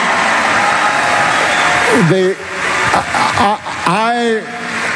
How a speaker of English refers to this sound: There's no point in shouting at me about it. I'm not in charge of foreign policy currency. Please.